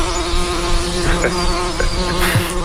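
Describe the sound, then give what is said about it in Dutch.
A steady, droning buzz of bees hums continuously, with a low fundamental tone and layered overtones, holding an even loudness throughout with slight flickers as individual insects pass by. “Jij bent juist allerlei dijken afgestruind op zoek naar die bijen”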